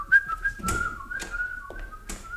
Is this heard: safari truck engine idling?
no